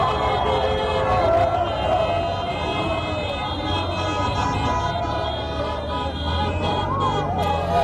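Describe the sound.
People chant "Soy español, español" through a police patrol car's megaphone while pushing through a dense, noisy crowd around Plaza de Colón and Cibeles celebrating the national team's victory, amplified voices riding above steady street clamor for the whole stretch.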